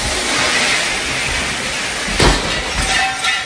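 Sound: water gushing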